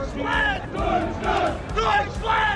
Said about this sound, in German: Top! Also, Fangesänge 1+ mit Sternchen.